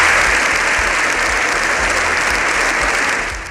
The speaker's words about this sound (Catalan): Missatges que tot el Congrés ha aplaudit de manera unànime.